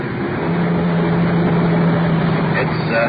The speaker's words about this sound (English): It's the liquor store on the corner. We're wheeling into the curb.